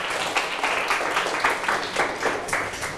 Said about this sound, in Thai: ปรบมือให้ตัวแทนกลุ่ม4นะครับ